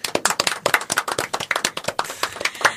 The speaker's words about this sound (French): S'il vous plaît, applaudissez pour lui parce que c'était trop bien.